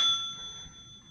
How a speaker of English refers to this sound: The ringing of the bell.